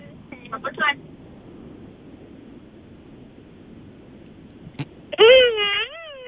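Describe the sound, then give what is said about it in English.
A voice imitates a remote-control racing car, like an F1 car whizzing around a track: a short buzzy burst, a long quiet pause, then a louder, longer whining tone that swoops up and down in pitch over a low rumble. “That really sounds like one of those remote really, control cars. Like those F1 cars, like whizzing around the track there.”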